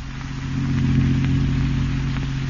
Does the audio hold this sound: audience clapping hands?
no